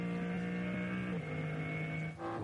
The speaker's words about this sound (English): And look how quickly that BMW M3 Touring has scampered up the road. Listening in to what is effectively still the BMW M4 GT3 turbocharged engine. Although now not singing at full song as we work into one more of those yellow flag zones.